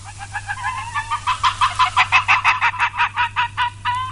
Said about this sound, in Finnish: Ja nyt sitten tästä viikko eteenpäin luontoääni on naali, eli napakettu.